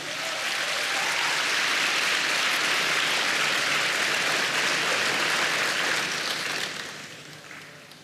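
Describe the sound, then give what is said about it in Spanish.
A large crowd claps for the Lord continuously in a dense, steady wash of applause that stays loud for several seconds before tapering off toward the end. No voices stand out. “Dele palmas al Señor.”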